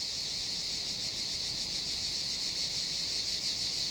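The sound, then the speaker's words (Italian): A chorus of male cicadas competing in love songs for a female sings in a dense, unbroken high-pitched buzz with a faint shimmering pulse, loud and steady throughout with no voices, in summer. “Si tratta in realtà di una gara di canzoni d'amore tra i maschi.”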